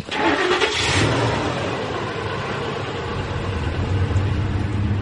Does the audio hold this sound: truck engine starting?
yes